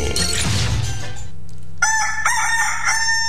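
A rooster crows loudly, a long, strained cock-a-doodle-doo with rising and falling harmonic tones, following a brief burst of noisy clatter at the start, opening the Bom Dia 98 morning show.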